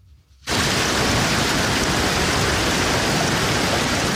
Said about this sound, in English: Earlier today, blinding sheets of rain and hail hit parts of Minnesota.